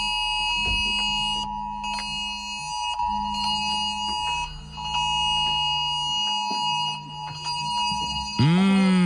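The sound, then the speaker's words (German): A loud emergency cell broadcast warning tone, sounding on mobile phones and smartwatches during a September warning day, blares continuously for about nine seconds, a harsh, steady multi-pitched alarm with a pulsing undertone, ending in a brief sliding sweep. No one speaks. “Aber es soll ja gar nicht schön sein, denn das war natürlich der Warnton.”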